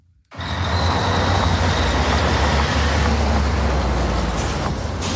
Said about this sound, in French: En attendant, nous partons sur l'aire de Beaune, sur l'A6 entre Paris et Lyon